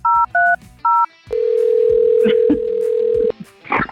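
Three quick two-tone keypad beeps, then a steady, unbroken telephone tone hums for about two seconds as a radio show's call to a listener for its game That's What She Said connects, with faint bits of voice over it and a short burst of speech after.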